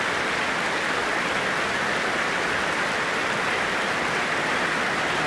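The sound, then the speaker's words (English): A large concert audience applauds enthusiastically for soloists including sopranos Ava Zytek and Janine Dubique and bass baritone Florian Sturz, a dense, steady wash of clapping that holds at a constant loud level for several seconds with no voices standing out. “And alongside them now, for this rapturous applause, sopranos Ava Zytek and Janine Dubique, and bass baritone Florian Sturz.”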